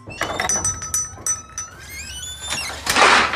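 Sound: kitchen drawer sliding open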